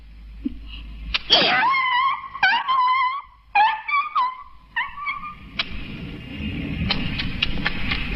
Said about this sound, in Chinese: 原来是条大红狗。